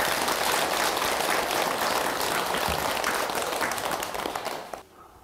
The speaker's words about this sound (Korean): 그러면 박수 한번 치세요.